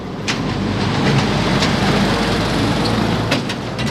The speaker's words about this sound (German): aus dem ebenfalls evakuierten Nachbarort Bigonos kommt mit einem Baustellenlaster über den Kreisverkehr gefahren. Hinten auf der Ladefläche sitzen noch zwei weitere Freiwillige.